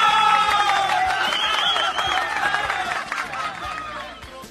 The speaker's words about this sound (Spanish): ¡Ah, qué bonito! Saludos y aplausos para todos ellos. ¡Aplausos!